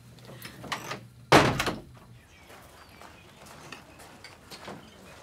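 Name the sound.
door being shut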